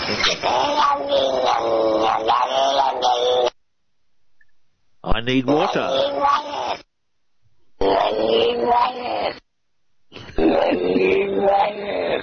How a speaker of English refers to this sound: I got to hear the cat backwards again, only because I think really it's really cool. Oh, really? You want to hear the cat backwards again? I think it's the coolest thing. Yeah, let's do the cat backwards again.